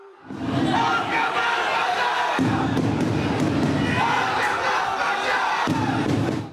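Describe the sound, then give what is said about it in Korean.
A loud, dense crowd of fans boos and shouts continuously, overlapping voices forming a steady roar with sharper yells bursting out, sustained throughout at high volume. The fans fill the arrival hall of Incheon International Airport before dawn as national team head coach Hong Myung-bo appears after elimination from the World Cup group stage. “홍명보 감독이 입국장의 모습을 드러내자 야유와 고성이 쏟아집니다.”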